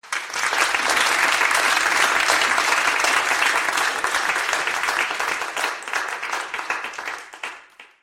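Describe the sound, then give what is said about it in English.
A large crowd applauds loudly and steadily, a dense wash of many clapping hands that holds strong for several seconds before tapering off near the end. “Let me play you what happened when I actually met a crowd.”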